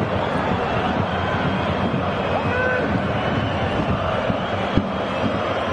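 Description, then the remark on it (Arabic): A stadium crowd at a Wolfsburg football match boos a push by Laimer in a loud, sustained roar that holds steady throughout, with a single sharp knock cutting through near the end. “كان هناك دفع من لايمر، لذلك نسمع استهجان الجماهير وكذلك مدرب نادي فولسبورغ.”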